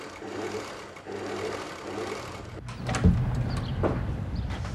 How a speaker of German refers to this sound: Und da ist die, so ist sie dann zu mir gekommen. Und seitdem nähe ich nur auf dieser Nähmaschine und sie war bisher noch kein einziges Mal kaputt.